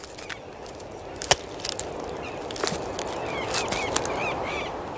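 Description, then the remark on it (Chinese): A woodpecker hammers at tree branches in a few sharp, irregular knocks, one louder than the rest, while high chirping bird calls and a steady rustling background fill the gaps. “这哒哒哒的敲击声是南美最大的啄木鸟——阿根廷啄木鸟的节奏狂想曲。”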